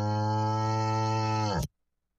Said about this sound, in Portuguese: E esse aqui é o boi lá da fazenda Olaria do amigo Gordinho.